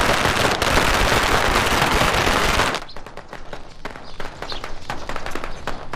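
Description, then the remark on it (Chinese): A dense string of firecrackers crackles loudly and continuously for a few seconds, then breaks into scattered, sharp individual pops that keep going at a lower level; set off early in the morning in a village for a birth-year (benming nian) celebration feast. “叔，嗯，这一大早上咋还放鞭炮呢？”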